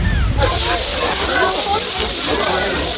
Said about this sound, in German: Dieses Rascheln. Ja, es raschelt. Was erzeugt dieses Rascheln? Und das hat mich gestern so fasziniert. Es ist Frischhaltefolie, die komischerweise raschelt.